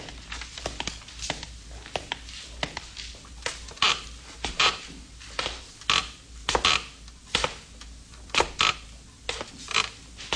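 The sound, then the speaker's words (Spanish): A man's footsteps climb a short, worm-eaten old wooden staircase in a tavern, a steady series of sharp thuds and groaning boards, fairly loud, with no voices. “subió una corta y carcomida escalera, cuyos peldaños resonaban como si se quejasen.”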